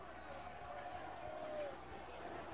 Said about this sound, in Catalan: el bus ha aparcat de fora, moltíssima gran ovació també per Arriaga, l'Hondureny, canta l'afició del Llevant.